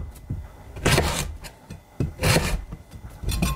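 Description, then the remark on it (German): Three rough, scraping crunches of a knife forcing through a hard carrot, chopping it into small pieces, each a broad rasping burst about a second apart, with quieter scraping between them and no talking. “Oh, die Möhre, die ist doch schon was ganz anderes.”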